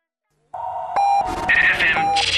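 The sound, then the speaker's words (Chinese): Radio time-signal beeps marking 15:00 Beijing time: steady, clear electronic tones sounding in a short sequence, fairly loud, with a brighter, busier jingle-like layer mixed in behind them. “北京时间15:00。”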